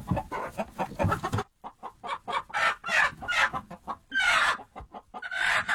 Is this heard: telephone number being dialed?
no